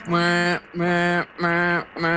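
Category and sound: animal, toadfish boat whistle call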